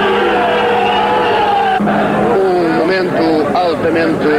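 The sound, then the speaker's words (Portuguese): Heavy military vehicle engines rumble and whine, their pitch wavering and climbing as they start to move from in front of the Quartel do Carmo at 18:39, under a loud, continuous wash of crowd voices booing. “Começam a movimentar-se as viaturas de guerra que aqui estiveram em frente ao quartel do Carmo.”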